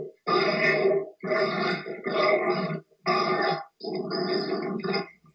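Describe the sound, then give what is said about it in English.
Dogs grunt and snort in a run of five loud, rough, throaty bursts, each about a second long with short gaps between, harmonically rich and gravelly, with no talking. “Listen to these clowns.”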